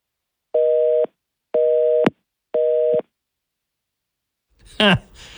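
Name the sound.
telephone busy signal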